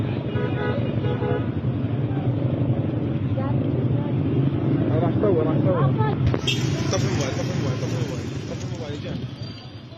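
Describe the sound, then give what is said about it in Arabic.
A car moving along a road, its steady engine rumble filling the whole stretch, with a few horn toots and indistinct voices mixed in. “هذه سيارة.”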